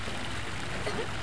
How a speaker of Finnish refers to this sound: Suihkulähde.